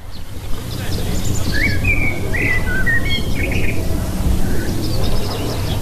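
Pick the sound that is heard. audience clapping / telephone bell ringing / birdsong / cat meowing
birdsong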